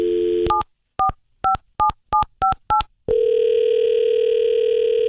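A steady telephone dial tone, then seven short two-tone keypad beeps dialed at an even pace, followed by another continuous, loud line tone. No voices.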